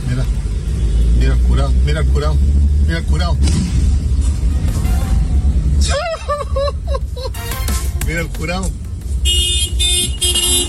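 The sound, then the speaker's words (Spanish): A large Nissan pickup truck accelerates along a two-way road, crossing lanes, its deep, loud engine rumble running steadily throughout while people talk over it, with a brief high-pitched tone near the end. “Bueno, es una camioneta Nissan bastante grande.”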